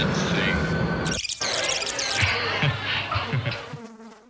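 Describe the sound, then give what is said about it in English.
A fly buzzes loudly, its droning whine rising and falling in pitch as it darts around, with one brief break before the buzzing carries on to the end. “You've got wings so fast they buzz when you fly.”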